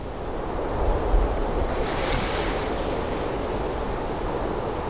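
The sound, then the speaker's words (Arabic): Steady ocean surf washes against the shore in Sri Lanka, a broad continuous roar with a brief swell of hiss midway as a wave breaks, mixed with some wind rumble and no voices. “يستغل الصيادون المد والجزر في المحيط، فلا يمكنهم دائما رمي الشبات من قواربهم القديمة في مياه المحيط المضطربة.”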